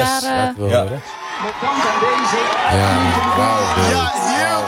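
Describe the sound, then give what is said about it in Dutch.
A loud crowd of fans shouts and cheers continuously, celebrating their team's first point at the World Cup, with overlapping voices yelling and whooping in a dense, excited roar that stays strong throughout. “Hier wordt geschreeuwd. En iedereen is blij. Ik zie mensen schreeuwen.”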